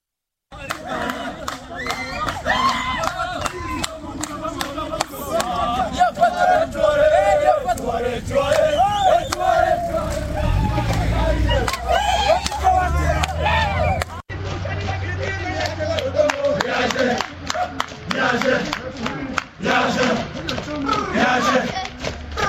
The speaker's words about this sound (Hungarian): Tehát aki tud énekelni, az azt jelenti, hogy megfelelő megterhelésben van. Ugye nem akarják itt túltolni ezeket, ezeket a futásokat, úgyhogy kérem szépen, hogy hallgassuk meg együtt, hogy milyen a rendőrök éneklése futás közben.